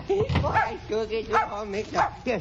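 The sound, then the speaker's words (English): A small dog yaps repeatedly in short, high-pitched barks, fairly loud, with brief pauses between the bursts. “Stop barking now.”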